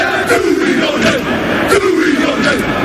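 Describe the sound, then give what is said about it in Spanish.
The All Blacks, New Zealand's rugby team, perform their haka war cry: many men shouting and chanting together in loud, rhythmic bursts, their voices rising and falling in pitch, with sharp accented shouts throughout. “Hasta la capital vallisoletana se van a acercar los mejores equipos del mundo, entre los que están los All Blacks, conocidos por su jaca, ese grito de guerra que estamos escuchando.”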